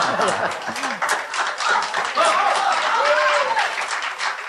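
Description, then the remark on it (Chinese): Steady audience applause during a crosstalk (xiangsheng) performance fills the whole stretch, a dense crackle of many hands clapping at fairly even loudness, with a few voices and some laughter mixed in beneath it. “什么确实是 给你鼓掌啊，给你鼓掌。”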